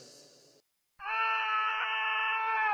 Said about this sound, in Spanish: El grito que pegas cuando ves tu celular y tienes 10 llamadas perdidas de tu mamá.